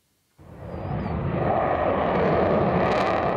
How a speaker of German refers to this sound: Ein bisschen wie Szenen aus dem Film Top Gun wirken die Vorführungen der Jets über Nordholz. Laut und schnell in engen Kurven ziehen die Eurofighter hier ihre Show ab.